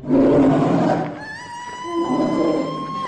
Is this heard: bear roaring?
yes